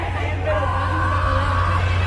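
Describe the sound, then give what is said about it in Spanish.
An audience loudly shouts the name "Miguel", the name of a scientist, in unison, a dense wall of overlapping voices held for about two seconds, with a steady low hum running underneath. “Miguel, le gritan ahí.”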